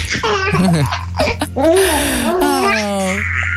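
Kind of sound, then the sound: human body sound, baby laughing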